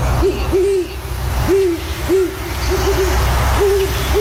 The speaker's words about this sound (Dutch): Welk dier was dit? Een uil. Ja, ja, daar was geen miswoord over te verstaan.